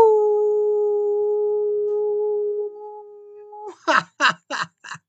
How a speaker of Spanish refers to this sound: También alguien bien especial que quiero saludarla, mandarle un gran aullido.